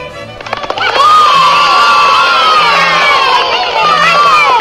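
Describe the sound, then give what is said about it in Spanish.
After a brief quieter moment, a huge crowd gathered in the morning erupts into loud cheering as the first rays of sun appear, praising God for the sun. Many voices shout and whoop together in a sustained, excited roar that holds steady to the end. “Cuando los primeros rayos solares abrieron la puerta de la mañana, la gente estalló en vítores y alabó a Dios por el sol.”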